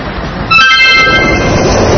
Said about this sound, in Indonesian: Lihat teman-teman, ada banyak orang yang ingin bepergian naik kereta. Mereka sedang menunggu kereta datang.